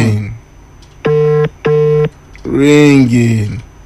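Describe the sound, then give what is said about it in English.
A phone's ringback tone buzzes twice in two short, even bursts with a brief gap between them. A voice follows, and another briefly precedes the tones. “Ringing.”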